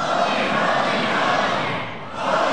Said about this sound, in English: Holy, holy, holy. Come now. Louder. Louder. Louder. Scream!